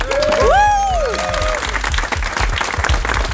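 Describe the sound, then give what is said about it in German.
A crowd bursts into loud, sustained applause with scattered cheers and whoops, including a rising-and-falling shout early on, continuing as dense clapping throughout, applauding the volunteers of the THW-Helfervereinigung in Schleswig-Holstein as they receive rescue equipment for wind turbines. “Macht nochmal ordentlich Lärm.”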